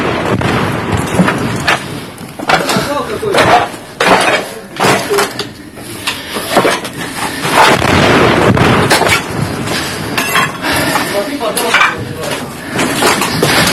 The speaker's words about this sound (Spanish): Cayó un proyectil. ¿Cómo estás? Cayó justo a nuestro lado.